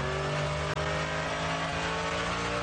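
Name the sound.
race car passing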